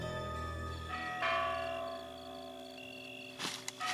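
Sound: church bells ringing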